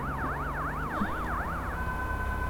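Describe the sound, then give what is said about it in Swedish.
An ambulance drives away, its siren sweeping rapidly up and down in a loud, steady wail over low road rumble, then settling into a sustained tone near the end. No one speaks. “Den kör iväg.”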